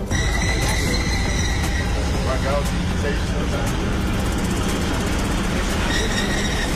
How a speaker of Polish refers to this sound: Czyli mogę powiedzieć, że pierwszy ekodiesel wjeżdża właśnie na stację i za chwileczkę go zobaczymy. O! Punktualnie.